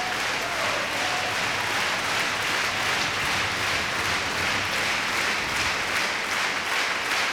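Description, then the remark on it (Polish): Thunderous, sustained standing ovation from a large concert audience for the performers, conductor Marin Olsop and the Polish Radio National Symphony Orchestra, after Mahler's Third Symphony; a dense, even wash of many hands clapping at a steady loudness throughout, with no voices standing out. “Publiczność oklaskuje artystów na stojąco.”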